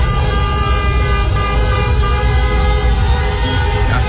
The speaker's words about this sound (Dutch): Getoeter daar op straat bij Kaapverdië spelen namelijk 5 in Nederland geboren voetballers. Ja, wordt er toch nog getoeterd?